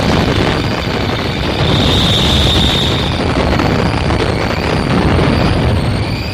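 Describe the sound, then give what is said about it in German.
A sound-effect explosion from stereo recordings, converted from mono, made for amateur filmmakers and theatre groups: a loud, dense roar of rumbling noise that holds steady for several seconds without fading, with a crackling hiss on top and no voices. “Explosion.”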